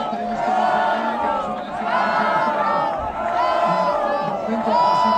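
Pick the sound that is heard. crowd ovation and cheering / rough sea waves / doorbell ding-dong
crowd ovation and cheering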